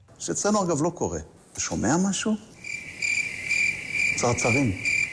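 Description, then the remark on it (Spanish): Steady, high-pitched cricket chirping, used by Israeli Foreign Minister Gideon Sar to mock Pedro Sánchez and the Spanish government's silence, rings out continuous and fairly loud, while a person talks over it at the start and again near the end. “En este caso, atacaba a Pedro Sánchez con esos grillos que escuchaban en referencia al silencio del gobierno español tras lo ocurrido”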